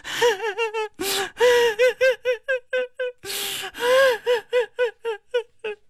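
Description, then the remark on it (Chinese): A voice imitates a woman sobbing from inside a main hall, with rhythmic bursts of choked, high-pitched cries and sharp gasping inhales. It is fairly loud, a steady run of whimpering pulses with no words. “鲁智深站稳了，仔细这么一听，嗯，有打正殿里头传出来女人的哭声。”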